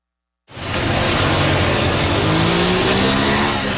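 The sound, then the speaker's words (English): A motorbike engine by the side of a street starts up loudly, then holds a steady, rough roar with a slowly rising whine, set against broad street noise and with no one speaking. “Sat on a motorbike by the side of the street with an assault rifle in his lap, we meet one of the men authorities are turning to help combat the bandit problem.”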